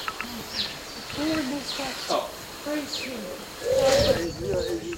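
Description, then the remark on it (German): Birds calling outdoors at a bird feeder, with soft low cooing phrases and scattered high chirps repeating every second or so, moderately loud against a faint background hiss. “Hier sind wir im Gelände und da sieht man ein Vogelhäuschen und da ein Vogelhaus, wo man Vögel auch drinnen beobachten kann, wenn sie Futtersuche sind.”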